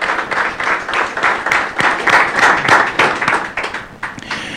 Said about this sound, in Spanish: ¿Quién quiere darle un fuerte aplauso al Señor? Déselo a Él, porque Él se merece toda la gloria y toda la honra.